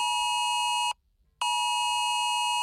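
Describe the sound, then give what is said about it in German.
A loud, piercing electronic alert tone sounds from a smartphone via the Cell Broadcast emergency warning system, which alerts even in silent mode. It comes in two long steady bursts separated by a brief silence, harsh and insistent like an emergency broadcast alarm. No one speaks. “Neu ist seit einigen Jahren das Cell Broadcast System für Smartphones. Auch im Lautlosmodus gibt es Alarm und durchbricht jegliche Stummschaltung.”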